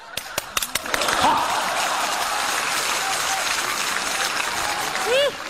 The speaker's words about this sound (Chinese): 哎，这大姐姐还鼓掌呢，你还，你听懂了没有啊？